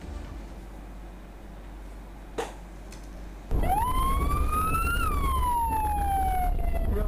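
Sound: ambulance siren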